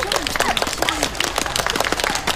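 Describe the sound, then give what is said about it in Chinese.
A group applauds steadily in congratulation, dense overlapping claps filling the whole moment, with a few voices calling out faintly beneath the clapping. “来，大家鼓掌祝贺一下。”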